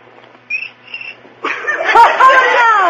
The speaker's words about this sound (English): cricket with rhythm. Oh, that was just a coincidence.